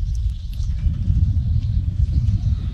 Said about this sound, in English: Train making its way by.